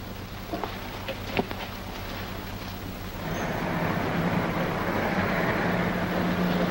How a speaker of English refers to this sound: there's a police car passing the house, and it's going very slow.